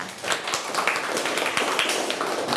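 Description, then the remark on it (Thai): A group of students in a class applauds a classmate about to present worksheet answers, at the teacher's request; a dense, steady patter of many hands clapping at once, fairly loud and continuous for a few seconds with no one speaking over it. “เอาล่ะค่ะนักเรียนคะครูขอตัวแทนนักเรียนนำเสนอคำตอบจากใบงานค่ะนักเรียนปรบมือให้เพื่อนค่ะ”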